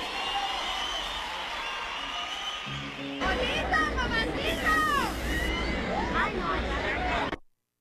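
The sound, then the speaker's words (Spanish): An audience at a concert applauds the members of the performer's musical group in a steady wash of clapping that swells about three seconds in, joined by cheering voices and sliding whistles, then stops abruptly. “Ahora un fuerte aplauso para los muchachos de mi agrupación,”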